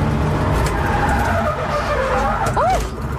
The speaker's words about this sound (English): I get back in full of confidence, and then I spun out, and this is the moment that the spin out happened.